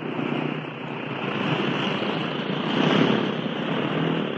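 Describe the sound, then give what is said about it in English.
A steady, loud drone of an airplane engine as the plane flies off, heading back toward the coast of Egypt: a broad rumbling roar that holds fairly constant with slight swells, with no voices present. “There it goes, and not a single word from any of her crew. Look, it's heading back toward the coast of Egypt.”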